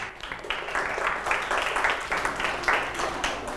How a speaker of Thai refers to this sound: ยอดเยี่ยมเลยนะครับปรบมือให้เพื่อนด้วยครับ